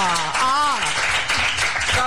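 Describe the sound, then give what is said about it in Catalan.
Steady applause from a crowd fills the scene, dense and continuous, with a voice calling out over the clapping near the start. “Jo vull que dediqueu aquests aplaudiments a aquesta personeta que tinc aquí”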